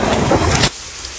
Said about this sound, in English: one dude off to the side under a tree, presumably trying to get shelter from the rain.